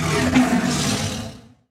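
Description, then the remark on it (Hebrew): A single loud, raspy leopard roar rumbles for about a second and a half, then cuts off abruptly into silence. “היחיד שהיה לו אוכל ומים היה נמר.”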